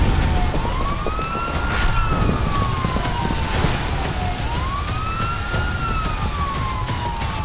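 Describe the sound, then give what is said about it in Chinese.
A fire truck siren wails in slow rising and falling sweeps as the fire truck passes by, fairly loud and steady, over a constant rumble of road traffic, with no one speaking. “每当鸣着警笛的消防车驶过，就意味着又有人身处险境。”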